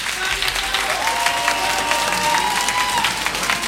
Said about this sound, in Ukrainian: За цей теплий вечір, за цю неймовірну музичну подорож. Дякуємо за оплески